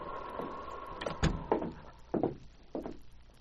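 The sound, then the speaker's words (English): Sergeant Preston lifts the wooden latch of a cabin door with a click, and the door creaks open. A short series of mechanical clunks and knocks, spaced unevenly over a few seconds, with no talking. “When there was no response to a knock on the door, Sergeant Preston lifted the latch and walked into the cabin.”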